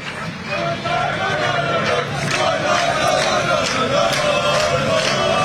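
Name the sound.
football fans cheering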